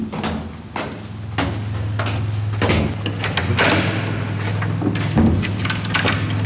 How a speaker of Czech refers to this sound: otevírá dveře.